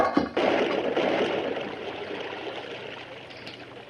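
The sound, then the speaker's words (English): Water gushes and pours into a well in a steady, rushing torrent, loud at first and easing slightly over a few seconds, with no voices; from a Lone Ranger story. “Turn the water into the well, Mr.”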